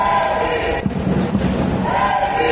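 A large crowd at a baseball stadium roars and shouts from the stands after a hit, a dense wash of voices that swells in the middle before settling back to a steady din.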